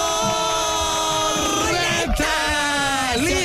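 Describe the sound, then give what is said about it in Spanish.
A loud, sustained celebratory yell, like someone shouting after a goal, held for several seconds with a couple of swooping pitch bends near the end. “Se oyó como anotación de gol.”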